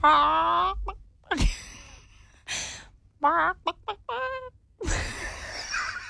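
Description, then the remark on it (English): A person's voice imitates a seagull, making a long wailing cry and then a quick series of shrill, yelping squawks, fairly loud, with some breathy noise in between. “Yeah, I'm a really good seagull.”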